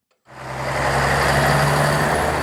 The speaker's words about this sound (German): Das war mal Deutschlands dreckigste Verkehrskreuzung, das Stuttgarter Neckartor.